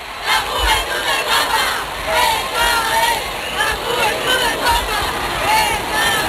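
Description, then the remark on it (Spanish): A large crowd of the faithful in the streets of central Barcelona cheers Pope Leo XIV, heard live. A dense roar of many voices with scattered shouts and whistles rises above it, steady and loud throughout, with occasional low thumps underneath. “A esta hora, las calles del centro de Barcelona rebosan de fieles que dan su calor al Papa León XIV. Este es el sonido en directo.”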